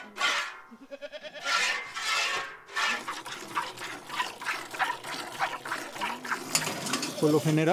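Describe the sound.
Goats kept by a goat breeder who produces meat and fresh goat cheese bleat in short, wavering cries, a few at the start and another near the end, over a busy bed of rustling and splashy noise, with a voice faintly in the mix.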